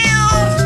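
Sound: cat meowing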